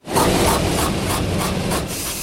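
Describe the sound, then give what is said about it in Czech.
An IMAX 70mm film projector in its projection booth runs with a loud, steady mechanical whir, a rhythmic rasping pulse repeating several times a second over a dense rumbling hum, projecting Christopher Nolan's three-hour film The Odyssey threaded between metal rollers from a giant steel platter. No one speaks. “Na první poslech by podle zvuku mohla promítací kabina IMAXu připomínat autodílno.”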